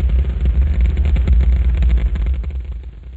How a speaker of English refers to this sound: the Saturn V is moving off the pad. It has now cleared the tower.